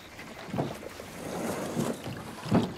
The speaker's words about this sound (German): Da, das ist ein Boot. Ist das das Boot?